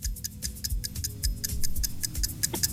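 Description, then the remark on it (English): A fast, steady ten-second quiz countdown timer ticks, sharp regular clicks about five per second, over a low rumbling bed of background music while a player must name five footballers whose names start with W. No one speaks. “Your time is on the clock.”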